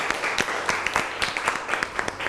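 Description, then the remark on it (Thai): A group of students applauds groups 6 and 4 after their class presentations, a dense run of overlapping claps with sharp individual hits poking out at an even, moderate loudness, no talking over it. “ขอเสียงปรบมือให้ทั้งกลุ่มที่6และกลุ่มที่4อีกครั้งนึงครับ”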